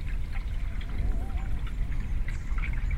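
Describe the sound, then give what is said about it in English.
River water in East London laps and trickles steadily, a continuous wash of watery noise with a low rumble underneath and small splashy flickers throughout, no voices present. “The river speaks. You hear the waves, the roar of the wind in the leaves of the trees, the breeze in the reeds, a fragile sound, murmuring their delicate rarity in this urban spool.”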